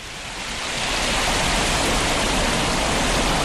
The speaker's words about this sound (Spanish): El caminar guía nuestros pasos por una senda que discurre junto al río que acaba de nacer, que baja precipitándose por pequeñas cascadas y saltos de agua. A unos 500 metros de paseo, llegamos hasta la cascada más espectacular.